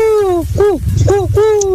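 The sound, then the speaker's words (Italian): A person imitates an owl, giving three or four gliding, wavering hoots in quick succession, fairly loud, over a low rumble of background noise. “Madonna, ragazzi, che gufo sfigato.”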